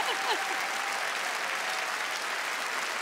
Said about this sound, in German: was für ein fantastischer Abend und was für ein Publikum. Unfassbar. Macht euch einen Applaus. Vielen Dank.